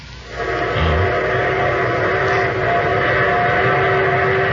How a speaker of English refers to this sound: There's my train. The train that's taken me to my wedding,